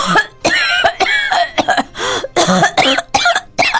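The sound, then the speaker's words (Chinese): Loud, harsh coughing in a long unbroken fit, roughly ten hacking coughs in quick succession with only brief gaps between them. No one talks. “迄、那个扫声比进前搁较大声，吼、哦，搁掺着吼，安尼微微啊吼，而且哭声啦。”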